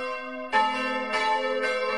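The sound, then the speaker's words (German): Sunday pealing of the five bells of the Catholic church of St. Katharina in Innertal, Wäggital, canton Schwyz, by the Wäggitaler See. Rich sustained ringing tones with fresh strikes roughly every half second layered over a lingering hum; loud and resonant, no voices. “Zum Sonntag hören Sie das Glockengeläut der katholischen Kirche St. Katharina in Innertal im Wäggital, Kanton Schwyz.”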